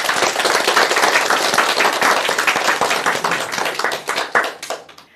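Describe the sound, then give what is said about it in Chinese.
A group bursts into sustained applause for their own progress in poetry recitation, dense overlapping claps filling the space at a steady loudness before thinning into a few scattered, louder claps near the end. “为自己的进步鼓鼓掌吧。”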